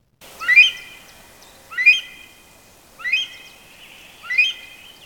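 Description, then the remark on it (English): A rare Himalayan monal pheasant, Nepal's national bird, calls four times at a steady, even pace, each call a loud, clear, rising whistle with a brief trailing note, heard alone against a quiet background. “And new research suggests that Nepal's national bird, the rare Himalayan monal, is changing its call to cope with a sharp increase in human activity.”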